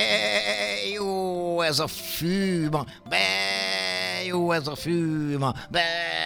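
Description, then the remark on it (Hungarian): A voice imitates lambs bleating: several drawn-out, wavering bleats follow one another closely and loudly, each with short dips in pitch between calls. “A bárányok bundája hófehér és puha, mosolyogva bégettek.”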